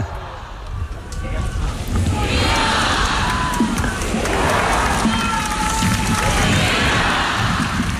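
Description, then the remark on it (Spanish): A large crowd at the close of a Mass by Pope Leo XIV in the port of Santa Cruz de Tenerife cheers and chants vivas to the Pope loudly and continuously, with rising waves of shouted voices and whistles, swelling twice over the steady roar of many people. “León XIV cerrando esta última misa, recibiendo esos vivas.”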